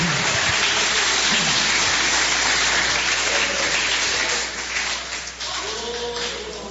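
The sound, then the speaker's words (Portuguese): An audience in a church claps for Jesus in a dense, continuous wash of applause for several seconds, easing slightly toward the end, where faint voices surface beneath it. “Assentando-se, ocupe as mãos, aquelas palmas bem bonitas para Jesus.”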